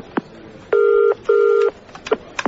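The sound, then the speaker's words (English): A telephone ringback tone sounds twice in quick succession, a steady electronic double ring heard down the line, with a few soft clicks before and after, as a call is placed to the Downing Street Press Unit. “I think I need to make a phone call.”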